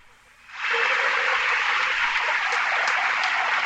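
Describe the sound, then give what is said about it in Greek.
A large stadium crowd breaks into applause after a brief quiet moment, swelling quickly into a dense, steady wash of clapping that holds loud and even until the end, as PAOK player Meïté is substituted off during a football match. “Παίρνει το χειροκρότημα δικαιολογημένα.”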